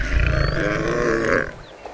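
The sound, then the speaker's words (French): A large lion with a golden coat and mane, lying in the shade of a tree and resting, gives a single long, deep, groaning yawn, loud, rumbling for over a second before trailing off into quiet. “Il bâille.”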